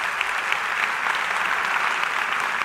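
A large church audience claps steadily and enthusiastically, a dense, continuous wash of applause for a few seconds with no one speaking.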